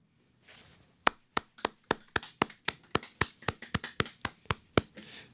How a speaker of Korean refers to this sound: 지금 약간 저희 스튜디오 안에 있는 저희 세 명이 한마음이 되어 박수를 드렸습니다.